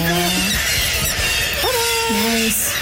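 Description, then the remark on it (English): A kittiwake gives loud, drawn-out squawking calls as it is being caught, two or three harsh wavering cries in quick succession over a noisy background. “Yeah, that bird's getting caught.”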